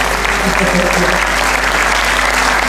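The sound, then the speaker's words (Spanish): A crowd claps steadily and loudly for a few seconds, dense overlapping applause with a constant hiss of hands, with faint low murmuring underneath. “aplauso, por favor, ¿vale?”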